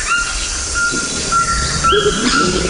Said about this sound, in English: Oh, now we're hearing the call of a Cuvier's toucan.